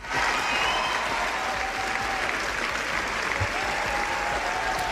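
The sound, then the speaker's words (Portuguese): Sustained applause, an 8-minute ovation from a large audience at the Cannes Film Festival after the official screening of Rodrigo Sorogoyen's film El ser querido, a dense, steady wash of clapping that holds at an even loudness throughout, with faint voices mixed in beneath it. “Así, durante 8 minutos aplaudiu o público tras a proxección oficial do filme”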